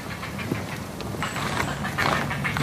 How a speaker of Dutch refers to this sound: Oh ja, daarachter gebeurt nog wat. Misschien zit er dan toch nog één. Aangezien hij weer de karakteristieke reiger kuikengeluiden maakt. Echt dat kwetteren zo.